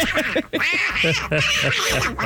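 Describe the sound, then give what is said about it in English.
Donald Duck's raspy, garbled quacking cartoon voice chatters excitedly in rapid bursts, loud, with a brief pause before the squawky babble resumes. “Donald Duck.”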